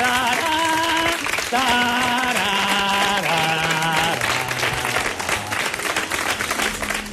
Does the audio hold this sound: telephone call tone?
no